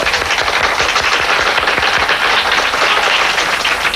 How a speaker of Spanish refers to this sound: Ildefonso Tamayo, un fuerte aplauso.